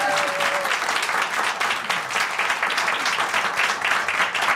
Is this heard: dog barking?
no